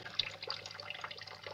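Water runs steadily into a kitchen sink piled with dishes, a continuous splashing hiss with a few brief, brighter splatters rising over it. No one speaks.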